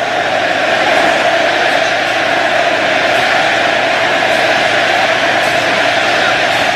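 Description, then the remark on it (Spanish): A huge stadium crowd of Argentine fans roars in a sustained ovation for Lionel Messi during a football match, a dense, loud wall of cheering and applause that holds steady from start to finish with no individual voices standing out. “Infantino lo aplaude. El argentino lo ovaciona.”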